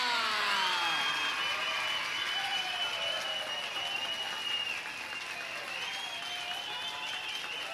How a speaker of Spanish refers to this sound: Lo que ahora vamos a hacer será practicar todos los recursos al mismo tiempo. El silbido, los gritos, el zapateo, el aplauso. ¡Preparado, listo, ya!